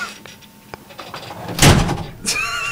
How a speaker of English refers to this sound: Do you want a door slam? I can slam this one. Go ahead. Uh-oh. Oh, no.